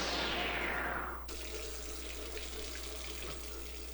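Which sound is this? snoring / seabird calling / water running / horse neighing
water running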